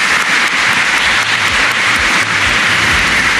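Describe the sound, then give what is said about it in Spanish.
Sustained applause from a crowd at an awards ceremony for 14 honorees, a dense wash of many hands clapping at once, loud and steady throughout with no voices rising above it. “Un aplauso, por favor, para ellos.”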